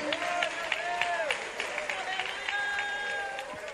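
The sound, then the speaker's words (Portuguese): A church audience claps steadily and densely for several seconds in praise of God, a continuous patter of many hands, with sustained voices or tones rising and falling over the applause. “Assenta mais glorificando a Deus, aplaudindo o seu santo nome.”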